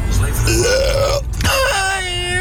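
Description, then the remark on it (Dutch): Two long, loud burps follow one after the other with a brief gap between them, from a listener's audio message from Hellendoorn played on the radio. Each one is drawn out and croaky, with a rising, voiced tone. “Gewoon een boer laten op de radio, ja.”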